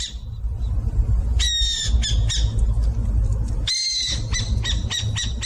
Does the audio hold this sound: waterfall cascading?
no